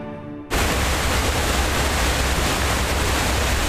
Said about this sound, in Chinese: 中越边境水砸出来的地方，得天瀑布日夜轰鸣